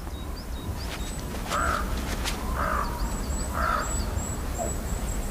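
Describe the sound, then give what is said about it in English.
A raven gives three harsh, croaking caws, evenly spaced about a second apart, over a steady outdoor hiss with faint high chirps from other birds. “Ravens may have one of the largest brains relative to body size amongst birds.”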